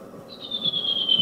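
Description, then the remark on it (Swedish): A redwing from the Surahammar area sings a faster variant of its song: a quick, high, thin whistled note that holds for about a second and slides slightly downward, clear over a low, steady rumble of background noise. “Men här kommer en annan samma område lite snabbare.”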